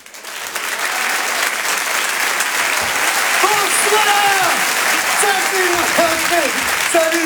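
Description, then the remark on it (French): Sustained audience applause at a Rire et Chanson Comedy Club show at the Grand Point Virgule, welcoming comedian Djal: a dense steady wash of clapping that swells in and holds loud throughout, with a few voices and cheers rising over it. “Je vous demande un tonnerre d'applaudissements également pour Djal.”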